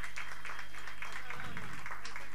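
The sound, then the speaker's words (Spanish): A scattered round of audience applause for the sound engineers at a live show, steady and fairly quiet, with claps filling the whole stretch over a low background hum. “Bueno, un aplauso acá a los sonidistas.”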